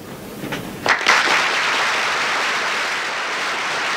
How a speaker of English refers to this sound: The audience applauded with enthusiasm as the curtain fell on the first act of the Stratford Players' performance of Macbeth at the Globe Theatre, Durham, on the evening of April 16th, 1899.